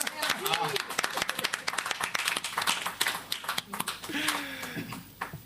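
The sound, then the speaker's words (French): An audience applauds with steady, dense clapping that runs the whole time, while voices talk briefly over it in a couple of spots. “Faut applaudir encore.”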